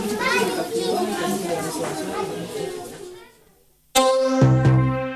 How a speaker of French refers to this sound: Actuellement en travaux, cet espace ouvrira ses portes en septembre. Et alors, le bruit des perceuses sera remplacé par les cris des enfants.